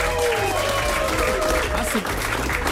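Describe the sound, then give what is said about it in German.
A studio crowd breaks into steady, loud applause for a Rhineland-Palatinate air guitar champion from Niefern near Koblenz. The dense clapping holds evenly for a few seconds, with faint voices and whoops mixed in. “Erstmal einen großen Applaus für”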